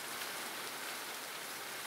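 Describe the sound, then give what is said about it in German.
Steady outdoor rain from a passing rain cloud hisses in a dense, continuous wash with no pauses, fairly loud, with no voices over it. “Wir haben hier die nächste Regenwolke und ich gehe mal.”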